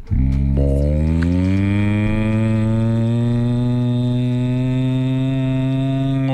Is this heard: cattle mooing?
yes